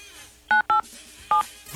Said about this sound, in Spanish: Apachúrale 987 tu teléfono, porfa.